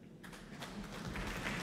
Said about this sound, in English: Applause. Greeting Benjamin Grosvenor and Sean Song.